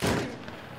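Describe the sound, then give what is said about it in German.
A single cannon shot fired aboard the Ukra, a 25-metre oak Pomeranian cog of 150 tonnes displacement, on its way to the Stettin Lagoon: one loud, broad boom that quickly fades into a low, rumbling tail. No voices are heard. “Kanoniere, gebt Feuer.”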